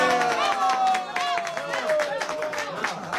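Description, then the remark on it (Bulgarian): A lecture audience claps in a steady patter of many hands, moderately loud, while voices murmur and call out over the applause. “вие защо не ръкопляскате?”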